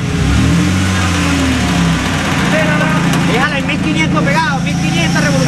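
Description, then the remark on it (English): A heavy truck engine runs loudly, revving at first and then settling into a steady rumble, while several people shout and talk over it, as a rescue crew tries to remove a metal gate by tying it to the truck. “And they rush back to work, trying to remove the metal gate by tying it to a truck.”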